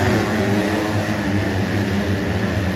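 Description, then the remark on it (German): Loud, continuous roar of motocross motorcycle engines at the German round of the Motocross World Championship in Teutschenthal, Germany, a thick buzzing drone with steady layered pitch and no pauses, filling the whole stretch without any voices. “Und wir gucken mal nach Teutschenthal, da brüllen nämlich an diesem Wochenende ja schon die ganze Zeit die Motoren.”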